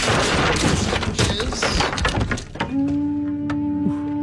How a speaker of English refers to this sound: Here in the Garner Andrews Show, Simple Pleasures Dojo. It seems like a weird way to enter the dojo by kicking the door off the hinges. You're going through a lot of lumber in this dojo.